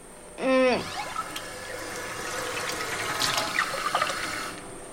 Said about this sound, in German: Hol einen Becher Wasser vom Waschbecken.